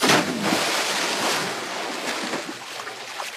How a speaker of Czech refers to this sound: to byl skok do vody. Buď tvůj, anebo nějakého kapra.